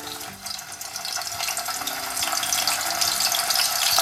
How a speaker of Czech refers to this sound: Tohle není déšť. Na pánvi prská rozpálený olej a právě podobný zvuk se opravdu používá jako náhrada deště.